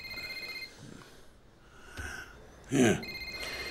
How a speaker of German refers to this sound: Wenn dein Handy klingelt.